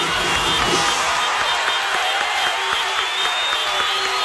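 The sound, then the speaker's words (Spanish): A large concert crowd roars and applauds continuously in a dense wash of cheering and clapping that stays loud and steady throughout, with no clear voice standing out. “El aplauso es para ti siempre, siempre.”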